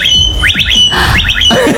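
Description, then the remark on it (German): A blackbird mimics an electric scooter, giving two loud bursts of three quick rising whistled sweeps over a thin steady whine, with no talking. “Aber die kann auch gut Sachen imitieren, die Amsel, ne? Ja. Unter anderem den E-Roller.”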